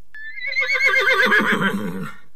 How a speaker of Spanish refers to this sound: Caballo. Muy bien.